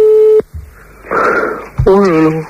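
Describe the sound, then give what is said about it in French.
A steady electronic telephone ringing tone sounds briefly on an unanswered call and then cuts off, followed by a voice talking over line noise. “Là, ça sonne, mais ça décroche pas, mon pied.”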